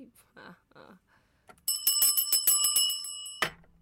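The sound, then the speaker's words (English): A bell rings on its own, loudly, in a fast, rattling trill of repeated strikes lasting almost two seconds, following a few soft, muffled sounds and then stopping abruptly. “The bell just rang on its own, please.”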